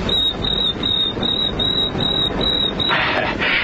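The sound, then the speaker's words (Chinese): Someone, on request, imitates a cricket chirping with a quick, steady series of about eight shrill, high-pitched chirps, repeated evenly over a constant background hiss. “你再学个蛐蛐叫啊。”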